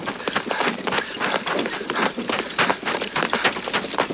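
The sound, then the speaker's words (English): Horse hooves clip-clop in a quick, steady rhythm, a dense run of sharp hoofbeats from a horse pulling a wagon, with no one speaking over them. “Captain, stop the horse.”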